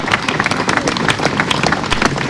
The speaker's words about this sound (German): Sie hören es, der Applaus hielt lange an.